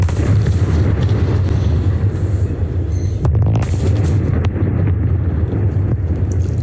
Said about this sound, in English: And twin 170-metre tall chimneys have been demolished at the old Liddell Power Station in the Hunter Valley region of New South Wales.